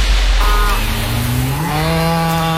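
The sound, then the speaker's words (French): A dairy cow of Alsace Lait, kept for pasture milk in Alsace, moos loudly in one long, drawn-out call whose low, buzzy pitch rises partway through and then holds steady, with no voices around it. “C'est un bruit qu'on connaît bien chez Alsace Lait. Une vache, oui, qui donne du bon lait de pâturage d'Alsace”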